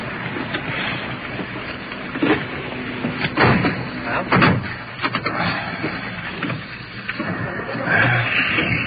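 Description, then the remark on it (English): A car door shuts with a couple of dull thumps against a steady, muffled rumble of background noise, with faint indistinct voices mixed in. “get back to our car again.”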